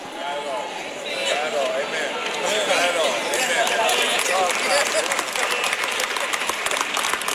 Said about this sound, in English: Look at who's clapping and look at who's not clapping. The people who are not clapping, they got a lotto ticket in their wallet right now.